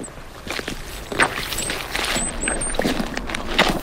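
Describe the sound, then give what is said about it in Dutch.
Boots tread through soggy peat bog, recorded with the microphone held by the boots: about four wet, squelching steps at an unhurried, uneven pace, each a soft squishy crunch over a low steady background, with no one speaking. “Zompig. Dat is in elk geval zompig. Echt alsof je in het half in het water staat.”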